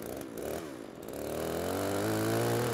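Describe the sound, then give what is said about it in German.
A running chainsaw, used to saw branches off a tree trunk, starts unsteady and then revs up to a loud, sustained buzzing whine that climbs slightly in pitch. No one speaks. “Er hat eine laufende Kettensäge in der Hand und ich bediene den Trecker und muss sehen, dass ich ihn da vorsichtig reinmanövriere.”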